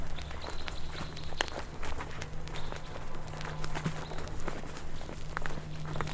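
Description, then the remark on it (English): Steady footsteps walking outdoors along a path called the journey through the cosmos, a regular crunching rhythm of soft steps on the ground, fairly loud over a constant low hum, with no voices. “We'll sometimes walk this with a glass of wine.”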